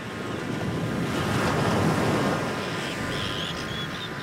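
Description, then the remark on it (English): Heavy waves of the rough sea between the Scottish mainland and Shetland surge and crash amid gusting wind buffeting the microphone, a broad roar swelling mid-clip before easing slightly, with faint high whistling tones near the end. “And it travels through some of the roughest seas you can imagine.”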